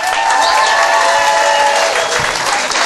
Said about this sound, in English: Also, how about a round of applause for your wait staff?